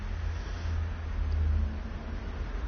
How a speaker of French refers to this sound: Un camion des postes, boulevard Saint-Germain, une Volkswagen, une voiture, une DS, une camionnette, une douzaine de voitures, une mobilette.